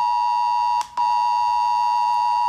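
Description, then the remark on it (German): A shrill, piercing mobile phone emergency alert tone for Germany's nationwide warning day blares loudly and steadily, with a brief break near the start before the harsh electronic tone resumes and continues unbroken. “Schrillende Handys und heulende Sirenen.”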